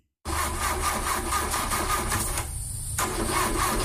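A car engine cranks over and over without catching, a loud rhythmic grinding that pauses briefly and then resumes, with no voices.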